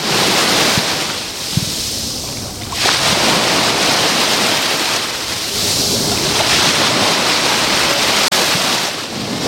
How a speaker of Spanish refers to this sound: Pues acercando el micrófono al rompeolas. El viento de poniente ya casi que no nos está acompañando, hay una ligera brisa, el mar está más o menos en calma, a diferencia de los últimos días, y el rompeolas, el rebalaje, tiene este sonido maravilloso.